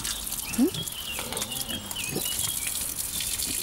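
Pigs playing in mud grunt in a few short, low bursts spread across a few seconds, the loudest early on, over a steady hissing background with faint bird-like chirps.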